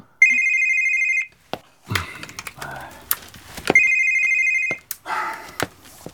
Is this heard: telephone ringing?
yes